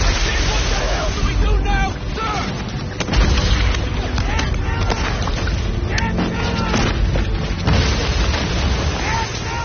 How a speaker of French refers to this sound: on pouvait voir un canon faire feu, ou peut-être entendre un grondement au loin, parce que ces canons de la marine bombardaient